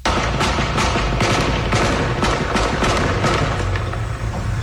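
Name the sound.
gunfire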